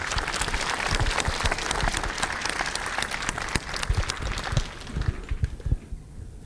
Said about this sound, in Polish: Dziękuję bardzo. Wielkie brawo.